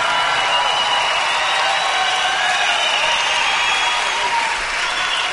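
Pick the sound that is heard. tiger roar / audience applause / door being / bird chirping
audience applause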